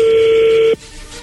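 A telephone number being dialed: a single steady electronic phone tone, mid-pitched and fairly loud, holds for under a second and then cuts off abruptly, leaving only faint background hiss.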